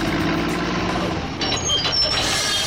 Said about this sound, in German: Und jetzt geht's erstmal auf die Baustelle.